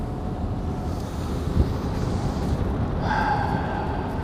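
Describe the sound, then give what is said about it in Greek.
Steady, loud wind rushes and buffets through an open car window while driving, with a faint higher whine rising over the roar toward the end. No one speaks. “όταν κινούμε σε τέτοιες διαδρομές, ανοίγω παράθυρο.”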